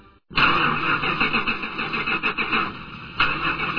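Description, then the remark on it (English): A car engine cranks without catching, failing to start for the fifth time: a fairly loud starter whine with a rapid, rhythmic chugging that runs for several seconds after a brief pause. No one speaks. “Oh, this is so frustrating. That's the fifth time this car refused to start.”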